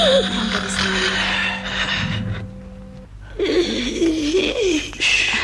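Loud, raspy snoring in two long breaths with a brief pause between them; the second breath carries a wavering, whistly tone. No one speaks.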